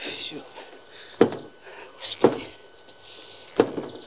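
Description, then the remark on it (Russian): Someone struggles to open a door, producing three dull, heavy thuds spaced irregularly a second or so apart, distinct against a quiet, faintly hissing background. “Пытается открыть дверь.”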